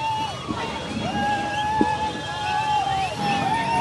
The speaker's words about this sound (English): Okay, so we'll stand by for those first images as you hear all the chanting, the cheering among Vijay fans. You know, you sensed that they were starting to get angsty.